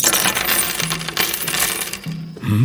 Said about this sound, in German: König Obashi Teterseru sammelt die Muscheln ein und wirft sie zusammen mit Steinen und Münzen wieder auf den Tisch. So.